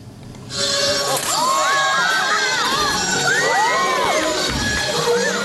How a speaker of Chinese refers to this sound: 在西安市长安区的一家影视基地内，秦腔演员的表演引得现场观众驻足围观，阵阵叫好声不绝于耳。